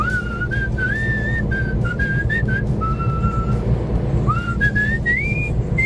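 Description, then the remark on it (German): A man from Jülich cheerfully whistles a lilting film tune, clear, with gliding phrases and brief pauses between them, over a steady low background rumble. “pfeift fröhlich vor sich hin.”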